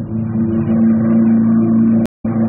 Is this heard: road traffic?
yes